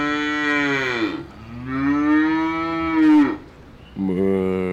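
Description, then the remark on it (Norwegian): Cows mooing in three long, loud, drawn-out calls, each a rich low bellow that rises and falls in pitch, the third cut short at the end. No one speaks. “Koma da, kira!”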